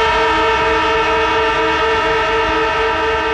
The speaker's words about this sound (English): It's the AFL footy siren, and the moment you hear that, that's when you call up